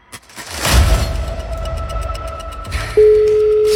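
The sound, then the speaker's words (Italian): After a few seconds of rumbling, crackling noise, the first ring of a telephone ringing tone starts on the line, a single loud, even beep that holds to the end with no voices. “Primo squillo.”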